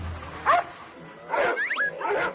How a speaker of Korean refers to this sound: 개 짖는 소리가 휘몰아치고 풍삼이 풍뎅이 형제는 물론 모두 뛰쳐나갈 기세.